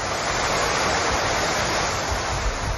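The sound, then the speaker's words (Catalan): Loud, continuous roar of rushing water from the swollen Besòs river in Catalonia during a storm, its flow exceeding that recorded during storm Gloria, a dense steady wash of noise with no pauses and no voices. “Aquest que sentim és el riu Besòs, que ha superat el cabal registrat durant el temporal Glòria.”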